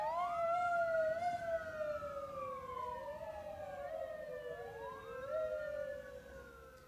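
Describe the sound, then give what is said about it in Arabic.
Ambulance sirens wail together as ambulances carry people wounded by Israeli gunfire in Jabalia camp, northern Gaza Strip, to nearby hospitals. Their overlapping tones slide slowly up and down, loud, over a low rumble of traffic with no voices. “أفاد مراسل التلفزيون العربي بوقوع جرحى برصاص الاحتلال الإسرائيلي بعد تقدم آلياته في مخيم جباليا شمالي قطاع غزة، وأظهرت مقاطع مصورة نقل سيارات الإسعاف عددا من الجرحى إلى المستشفيات القريبة.”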